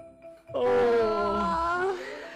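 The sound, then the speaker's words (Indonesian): A single drawn-out yawn, voiced and breathy, opening suddenly and holding for over a second with a slowly sinking pitch before trailing off. It's loud, with no speech. “Ayah nguap, kok adik juga ikut menguap ya?”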